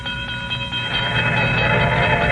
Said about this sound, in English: Stopped a car at a sleepy little junction just across the border into Oklahoma to let a train pass by.